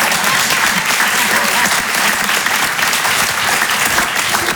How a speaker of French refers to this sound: Oui, vous pouvez applaudir, mais tous en même temps, voilà.